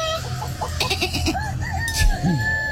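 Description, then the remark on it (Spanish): Roosters crow over a busy farmyard backdrop, with clucking and other bird calls mixed in. The crowing is loud, overlapping in uneven bursts with no talking. “Callen los gallos.”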